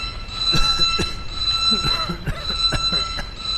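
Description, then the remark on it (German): A steady, high-pitched electronic alarm drones without pause, with intermittent thumps and clatter and a rumbling, busy background around it. “schalte Alarm aus.”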